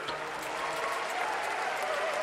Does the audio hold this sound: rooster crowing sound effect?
no